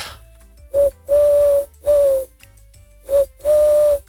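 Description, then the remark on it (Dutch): A person imitates a Eurasian collared dove's call into a bird-identification app, which identifies it as a collared dove: a loud three-note cooing phrase (short, long, long) repeated twice with a brief pause between, no talking. “Hij denkt dat ik een Turkse tortel ben.”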